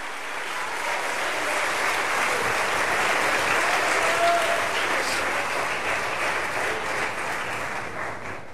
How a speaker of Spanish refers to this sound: Dale un aplauso al Espíritu Santo, iglesia.